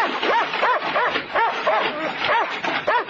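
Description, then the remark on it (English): A dog behind a wire fence barks and yips in a quick, steady string of sharp, high-pitched calls, roughly two or three per second, loud, with no pauses. “Make to pat the dog.”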